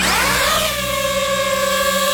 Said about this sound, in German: Ja, Drohne, eine kleine, eine, die man aus der Luft filmen kann, die man fotografieren kann. Das Geräusch, das ist ein bisschen mühsam und auch die Drohne selber, die kann mühsam sein.